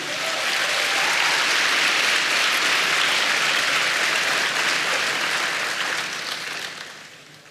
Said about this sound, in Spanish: Dele palmas al Señor.